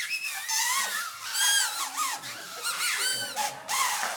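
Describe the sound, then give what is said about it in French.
Several homemade paper whistles shrilling at once, overlapping high wavering tones that bend up and down, fairly loud and continuous for a few seconds, with no talking. “nous avons réalisé un premier bruiteur qu'on appelle le sifflet. Puis-je entendre un sifflet pour ceux qui ont reçu leur sifflet ?”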